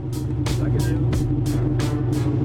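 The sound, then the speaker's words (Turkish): A modified car's engine drones steadily with a deep, loud low end, overlaid by six evenly spaced high-pitched bursts from its built-in sound module, during a police noise check against an 84-decibel limit at a car modification event in Stuttgart. “Şimdi bu ses modülüyle ve şimdi duyabiliyorsunuz.”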